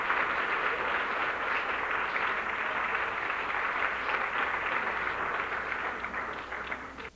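A crowd claps steadily in sustained applause for the young mothers, a dense wash of overlapping hand claps that holds at full strength for several seconds before tapering off slightly at the end.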